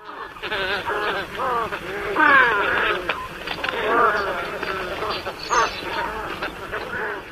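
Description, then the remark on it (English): A flock of white ibis, wading birds, calling together: a steady chorus of overlapping nasal, wavering calls that rise and fall in pitch, fairly loud throughout with no pauses and no talking. “These are white ibis. White ibis are wading birds found in coastal wetland areas, starting in the mid-Atlantic states, going south into Florida, where they are year-round residents, and all along the Gulf Coast.”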